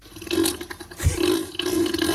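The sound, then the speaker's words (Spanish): A real recording of deep, droning grunts from Neil, a sea animal, holding a steady low pitch, with a heavy thump midway and wet, watery gurgles throughout. No one speaks. “Esta es una grabación real de los gruñidos de Neil.”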